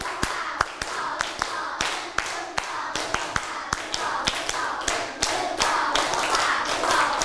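Sharp hand claps repeat in quick rhythmic groups for several seconds, a steady counted pattern of 1 2 3, 1 2 clapped as one set at full volume, bright slaps with brief pauses between sets, over a faint background murmur.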